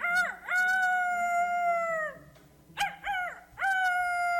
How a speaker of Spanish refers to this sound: Estaba pensando así cuando oyó muy lejos el canto de un pájaro.